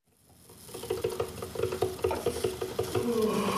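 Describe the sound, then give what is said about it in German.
A coffee machine runs, fading in with quick rhythmic pumping and gurgling pulses that settle into a steady hiss toward the end. “Die Kaffeemaschine läuft, aber der Tag will nicht in Schwung kommen.”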